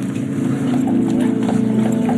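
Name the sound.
horse hooves clip-clopping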